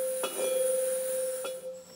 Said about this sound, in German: Durch das Hämmern wird die Schwingung des Metalls, also der Klang, beeinflusst. Jetzt klingen alle vier Saiten gut.